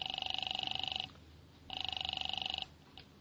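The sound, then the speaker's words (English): A telephone rings twice on the line as a call is placed to the second of three George Brewster numbers found in a phone book. Each trilling electronic burst lasts about a second with a short pause between, sounding thin as if heard through a receiver. “The first number didn't answer. I tried the second.”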